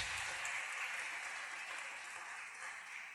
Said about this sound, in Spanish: Aplaudan al Señor, hermanos.